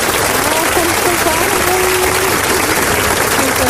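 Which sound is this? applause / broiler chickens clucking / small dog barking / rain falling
applause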